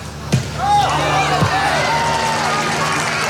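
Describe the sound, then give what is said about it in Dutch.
A lively crowd of about 1,500 spectators murmurs and calls out across a large open space at the Dutch national football team's last home training session before the World Cup, with scattered shouts and whistles, a couple of sharp thuds like a ball being kicked, and steady background chatter. “Vandaag was de laatste training op eigen bodem voor 1500 man publiek.”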